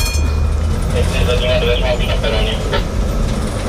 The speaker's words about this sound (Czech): Vlakotramvaj vyjela na krátkou zkušební jízdu do nedaleké Libáně.